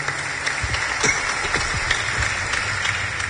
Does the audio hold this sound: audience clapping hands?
yes